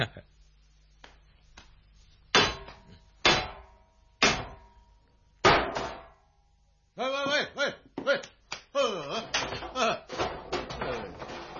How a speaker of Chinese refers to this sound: 用石头敲门做咩啊？